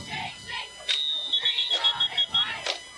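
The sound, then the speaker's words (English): A referee's whistle at a football game involving the Green Wave, called for an official timeout, lets out a shrill, steady high-pitched blast lasting over a second, broken into a few short pulses, over a busy background of crowd noise and voices. “We have some whistles here. Official timeout for something.”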